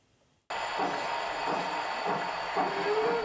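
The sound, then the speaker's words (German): A steady rolling rumble with a bright hiss kicks in abruptly and runs continuously as a 1:32-scale model railway train moves along its track in the basement of an old factory, with a faint rising whine near the end. “Hier fahren alle Züge noch pünktlich”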